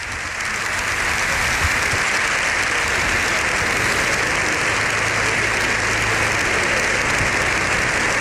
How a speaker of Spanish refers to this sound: Bueno, pues ahí tenemos el sonido del hemiciclo. Lo escuchamos los aplausos de Congreso y Senado en sesión conjunta. Las tribunas llenas también por las imágenes que estamos viendo.